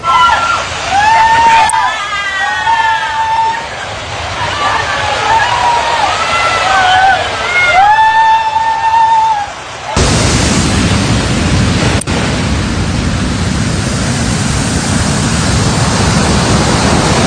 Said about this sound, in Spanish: efectos de Boris provocó alto oleaje con olas de 3 a 4 metros de altura, dejando daños materiales en los establecimientos de la Franja de Arena, en Playa Boca del Río de Florencio Villarreal, Playa Ventura Copala, La Bocana y Las Peñitas de Markelia.